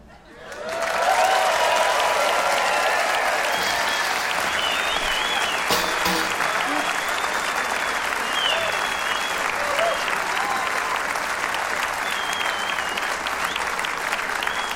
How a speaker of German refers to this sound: Ein wunderbarer Applaus hier für dieses wunderschöne alte Stück.